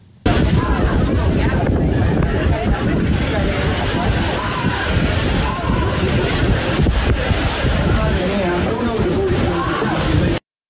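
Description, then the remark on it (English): Strong wind buffets the microphone over steady crashing surf at Cala del Paso beach in Murcia, southern Spain, as a small boat (dinghy) carrying 62 migrants arrives; the boat's motor and indistinct voices are mixed in throughout, loud and continuous for about ten seconds. “It's showing dozens of illegal immigrants on a small boat arriving on a beach in southern Spain.”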